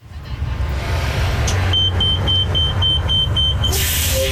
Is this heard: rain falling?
no